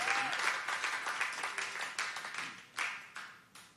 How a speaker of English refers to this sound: Oh, love it. Appreciate the applause.